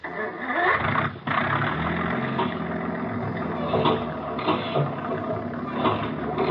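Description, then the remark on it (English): A motor engine runs loud with a steady, dense rumble, briefly cutting out near the start before settling into continuous running. No one speaks. “Start that engine.”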